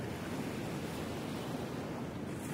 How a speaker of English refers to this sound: Those waves are pretty loud.